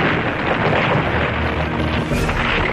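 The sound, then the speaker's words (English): Bombs dropped from aircraft fall on London under cloud cover: a heavy, sustained rumbling roar fills the whole stretch, loud and dense with a deep boom underneath, no distinct separate blasts and no voices. “But inevitably, bombs begin to fall on the capital.”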